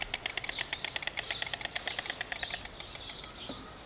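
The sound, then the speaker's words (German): Storks clatter their bills in a rapid, dry, wooden rattle that runs steadily for several seconds, with faint bird chirps and outdoor ambience in the background. “Das Klappern der Störche heißt in diesem Fall, hier sind wir, geh weg.”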